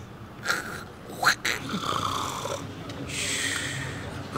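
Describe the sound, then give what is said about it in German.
A person imitates how a partner snores, like a saw, with loud, rasping, saw-like snorts and drawn-out wheezy breaths and no talking. “welche Auswirkungen hat das denn, wenn der Partner so schnarcht?”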